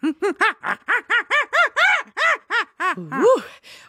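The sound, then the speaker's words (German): A person imitates a baboon's scream with a rapid series of about a dozen loud, arching hoots, rising in pitch and ending in a strained, wavering shriek. “Das war jetzt aber kein Huhn. Exactly. That was my Schrei des Pavian.”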